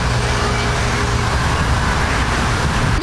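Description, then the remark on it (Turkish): Steady, dense road traffic rumbles throughout on the Zeytinburnu coastal road beside the sea, a continuous wash of engine and tire noise from many passing vehicles, fairly loud, with a low drone and no clear breaks. “Zeytinburnu sahil yolu, sağ tarafımızsa deniz kenarı ve piknikçilerle hınca hınç dolmuş durumda.”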